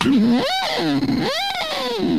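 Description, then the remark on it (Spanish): A voice imitates a lighthouse siren with two loud, wailing sweeps that rise and fall in pitch, sounding buzzy and slightly distorted, with no other talking. “Eso es más una sirena, ¿no?”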